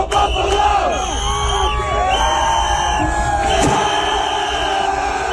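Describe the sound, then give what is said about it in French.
A dense, loud crowd cheers and shouts continuously, many voices yelling and whooping over one another in an excited, encouraging roar that never lets up, urging on fans who attack a mannequin wearing a Montreal Canadiens (CH) jersey, one jumping onto a table that collapses. “Toujours est-il que la foule, on l'entend, les encourageait.”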